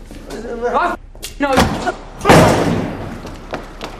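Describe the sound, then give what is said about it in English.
Voices speak briefly, then a door slams shut once, loud, with a short booming decay before quieter speech resumes. “Get back here. Open the door.”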